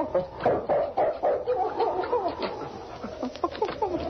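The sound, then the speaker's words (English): A dog, King, Sergeant Preston's dog, whines in high, wavering tones while scratching repeatedly at the cabin door with quick, rough strokes, steady throughout, with no one speaking. “He whined and scratched at the door.”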